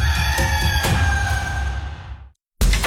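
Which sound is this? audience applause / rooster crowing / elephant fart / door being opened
rooster crowing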